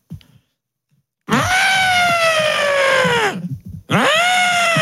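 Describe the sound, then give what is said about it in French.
A voice imitates an elephant's trumpet: a loud, brassy, sustained cry that slowly falls in pitch, breaks off briefly, then starts again with a second blast. “Tu sais faire l'éléphant.”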